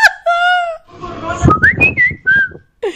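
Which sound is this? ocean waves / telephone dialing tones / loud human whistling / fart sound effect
loud human whistling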